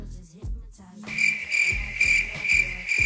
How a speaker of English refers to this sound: Crickets. That's pretty good. I mean, it's kind of cliche, but it's good.